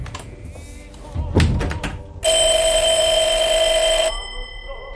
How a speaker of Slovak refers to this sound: Zvoní telefón!